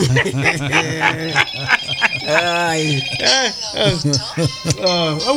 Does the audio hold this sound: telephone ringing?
yes